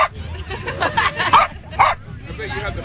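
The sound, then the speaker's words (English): Crumpet, a corgi from Montana who won first place in the Corgi races, barks in several short, sharp yips, the loudest two about half a second apart, over a steady murmur of crowd chatter outdoors at the Corgi Beach Takeover on the beach at Seaside, with over 700 corgis. “You know, not every radio program gives you an interview straight from the dog.”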